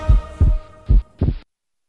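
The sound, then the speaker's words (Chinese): A loud, pounding heartbeat sound effect in a Danshen heart-protecting tea advertisement: two deep, thumping lub-dub beats with a steady rhythm, and nothing else alongside them. “胸闷、心痛、心悸，喝丹参保心茶。”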